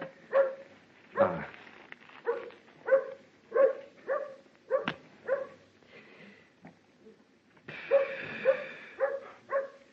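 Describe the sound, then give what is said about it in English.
A dog barks repeatedly in a steady, rapid rhythm, about a dozen sharp barks with a brief pause partway through before the barking resumes. “Hey, dog, you got a friend for me?”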